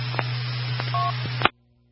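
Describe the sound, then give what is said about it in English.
Heavy rain hisses steadily on a vehicle, picked up by the microphone and coming through a narrow radio transmission over a low electrical hum. A few clicks and a short two-tone beep follow before the signal cuts off abruptly. “But, yeah, I can hear the rain on your vehicle. It's coming through the microphone.”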